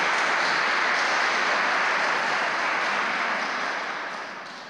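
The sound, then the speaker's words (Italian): A crowd applauds in a dense, steady wash of many hands clapping together, holding at a strong level for several seconds before gradually tapering off at the end. No one speaks. “Potete applaudire.”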